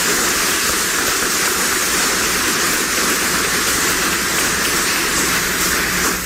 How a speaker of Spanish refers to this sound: A ellos les damos la bienvenida, con un aplauso a ellos que se han esforzado bastante para estar con nosotros.